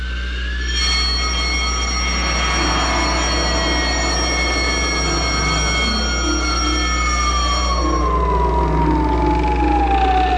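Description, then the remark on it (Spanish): Loud, steady general alarm sirens blare throughout a base after a captain presses a button, with sustained high tones, one pitch sliding slowly downward, over a deep continuous rumble, with no voices. “El capitán oprimió un botón y una serie de foquillos rojos anunciaron alarma general y automáticamente funcionaron las alarmas en toda la base.”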